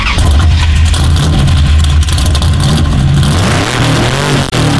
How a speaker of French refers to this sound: Eh bien, on va voir tout de suite si la voiture d'énergie démarre. Et si tu ne cales pas, c'est parti,